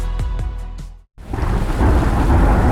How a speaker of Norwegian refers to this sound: Ja, der kom regn igjen.